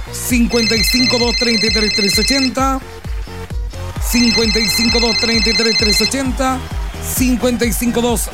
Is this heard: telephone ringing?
yes